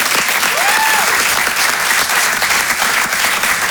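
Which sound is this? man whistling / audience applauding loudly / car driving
audience applauding loudly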